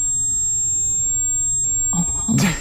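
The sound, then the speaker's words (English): A steady, piercing high-pitched ringing tone sustains unbroken throughout, like ringing in the ears, over a low hum, with a short muffled burst of noise near the end. “All he can hear is ringing. Ringing in his ears.”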